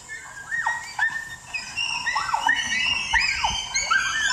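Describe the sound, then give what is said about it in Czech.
A crowd of first- to fifth-grade schoolchildren on a zoo visit shouting and shrieking together, many high voices overlapping in a busy, continuous din, loud throughout. “To je návštěva zoologické zahrady od první do páté třídy děti, že jo?”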